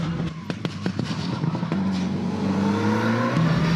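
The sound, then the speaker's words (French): An Evo sports car engine roars as it accelerates on a track, its steady, rising drone punctuated early on by a series of sharp pops and crackles, with no one talking. “Par contre, c'est un peu plus joueur du train arrière que l'Evo 6.”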